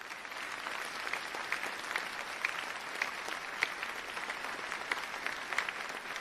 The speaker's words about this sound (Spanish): Muchísimas gracias, le damos un fuerte aplauso.